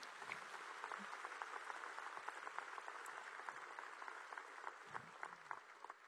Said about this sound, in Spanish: Gloria a Dios. Puedes dar un aplauso por eso.